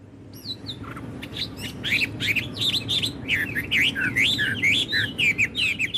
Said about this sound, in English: Well, it's actually a blackbird. Blackbird singing in the bed at night.